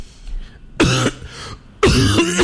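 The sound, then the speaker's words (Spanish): A person coughs and clears their throat twice, close and loud, each burst rough and raspy with a gurgling voiced edge, separated by a brief quiet gap. “dígale no, no, no a la tos con mieltertos, con totumo.”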